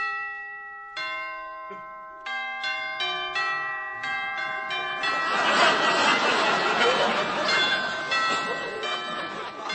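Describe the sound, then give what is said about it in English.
A doorbell chime at a fourth-floor apartment rings out in a series of clear, sustained tones, striking repeatedly for several seconds before a busy wash of crowd noise and voices swells up around it. “I'll ring the bell and see.”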